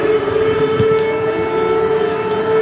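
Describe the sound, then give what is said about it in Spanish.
An air raid siren in the border area between Poland and Ukraine holds a loud, steady wailing tone throughout, its pitch barely shifting, with no voices present. “Desde que el jueves sonaran las alarmas antiaéreas en la zona fronteriza entre Polonia y Ucrania”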